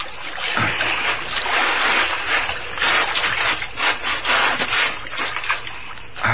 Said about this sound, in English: I'll hold on tight so you can pull the boat ashore after us.